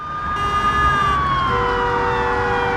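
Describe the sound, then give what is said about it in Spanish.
Police car sirens wail loudly and continuously, several overlapping tones sliding down in pitch as several patrol cars race at full speed along the emergency lane of a Montreal, Canada highway during a rush-hour chase, over a steady roar of traffic. “Varias patrullas van a toda velocidad por el carril de emergencia.”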